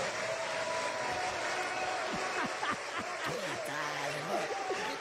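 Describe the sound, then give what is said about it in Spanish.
Steady, dense crowd applause fills the whole stretch, with a few scattered laughs and voices rising out of the clapping, called for in honour of Andrés Manuel López Obrador. “La inició el peor presidente que ha tenido México, que se llama Andrés Manuel López Obrador, a quien pediría un fuerte aplauso.”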